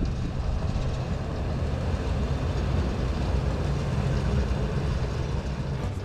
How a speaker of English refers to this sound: Passing the sun terrace of the Mountain Hotel, the train tackles the last few meters.